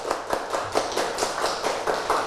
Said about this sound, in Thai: เด็กๆประมือให้กลุ่มที่สองค่ะประมือให้กลุ่มที่สองประมือให้กลุ่มที่สองค่ะ